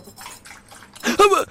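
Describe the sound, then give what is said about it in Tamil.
Tea splashes as it is poured for a dog in a short, steady stream that grows louder toward the end, with a voice briefly heard over it. “அட பாவிகளா, நாம் போட்ட டீ நாய்க்கா. என்னடா பண்ற நாய்க்கட ஊத்துற, நாய்க்கா ஊத்து.”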